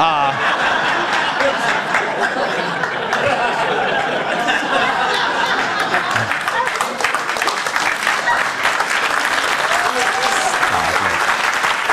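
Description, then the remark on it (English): A crowd applauds steadily for about twelve seconds, dense clapping mixed with scattered chuckles and laughter, loud and sustained with no clear pauses. “Don't even applaud.”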